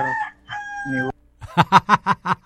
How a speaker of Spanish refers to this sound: Oye, mira, fíjate, se escucha un gallo.